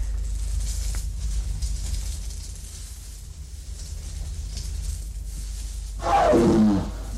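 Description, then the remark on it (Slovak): A low, steady rumble fills the background, then near the end a single loud, harsh jaguar roar bursts out, dropping in pitch over about a second before fading. “Prohol sa na Jaguára s nožom!”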